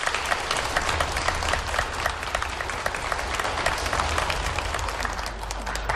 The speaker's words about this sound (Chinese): 谢谢， 感谢您， 感谢大伙儿的热情掌声。